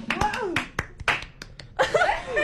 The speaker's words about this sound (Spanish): Bueno, aplausos, aplausos.